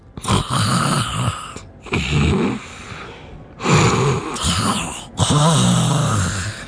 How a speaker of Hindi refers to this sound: खर्राटे। खर्राटे सिर्फ स्वयं को ही परेशान नहीं करते, आसपास में सोने वाले को भी परेशान कर देते हैं।